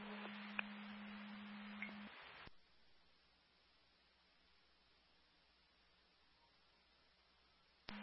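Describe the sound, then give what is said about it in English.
A radio dispatch alert tone holds one steady pitch for about two seconds over hissing static, then cuts off abruptly into near silence, with a short burst of static at the very end. “CA9, you can disregard those tones.”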